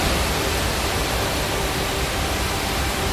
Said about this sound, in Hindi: देहरादून में बेहिसाब बारिश से नदी नालों में तेज तूफान है। टपकेश्वर महादेव मंदिर के पास तमसा नदी भी रौद्र रूप में है और हालात ये हैं कि श्रद्धालुओं से नदी के पास न जाने की अपील की जा रही है।